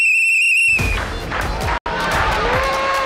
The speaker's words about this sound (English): We have these whistles out for you, and the whistles are for the fact that you got the poll right, which is quite fantastic.